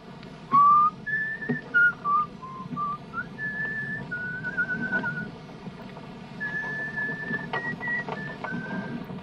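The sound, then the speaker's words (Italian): Someone on board a sailing boat whistles a slow tune, with sustained, wavering notes that step up and down in pitch over a steady low rumble, and sharp knocks punctuating the start. “Non sa che è proibito fischiare a bordo?”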